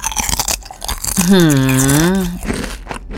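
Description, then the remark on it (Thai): Crisp crunching as someone bites into and chews a thick, flat, original-flavour crunchy snack sheet at the Thaifex Anuga Asia 2026 food fair at Impact Muang Thong Thani, with a drawn-out voiced hum in the middle before the crunching resumes. “นี่คือรถออริจินอล ค่ะ หยิบให้ดูก่อนเลยนะฮะ ดูเสียงนะ แผ่นเรียบ ค่ะ ASMR ไหมเธอ เออแต่แผ่นหนาจริงอ่ะ”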